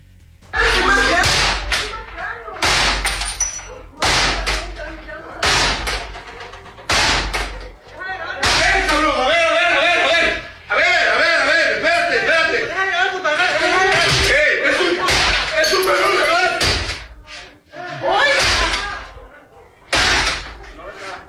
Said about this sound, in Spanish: Es un grupo armado rompiendo la puerta